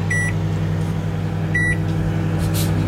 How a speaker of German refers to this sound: Also ich habe den Eischnee unter den Kaiserschmarrnteig gehoben, vorsichtig untergehoben, habe das alles in die eingebutterte Form rein und das ist jetzt in der Mikrowelle.